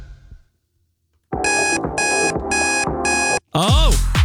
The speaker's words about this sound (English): What's the alarm?